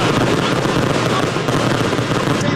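Fireworks crackle and pop in a dense, unbroken barrage, loud and steady from start to finish, with no voices.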